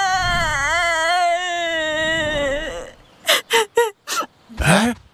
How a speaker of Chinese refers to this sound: 熊二，你听，啥声音啊？ 好像是谁在哭。